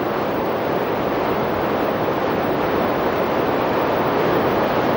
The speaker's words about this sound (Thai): ไหลเลาะลงไปตามชั้นหินและกลายเป็นที่มาของน้ำตกวังแก้วน้ำตกหินปูนที่มีความสวยงามที่สุดแห่งหนึ่ง